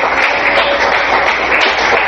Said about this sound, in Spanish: Dale fuerte el aplauso al Señor en esta mañana.